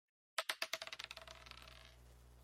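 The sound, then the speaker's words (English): Dice are rolled and clatter across a hard surface in a quick burst of sharp clicks that speed up and fade as they bounce and settle, fairly loud with no talking. “can we get a little blow on the dice, a little bit of luck?”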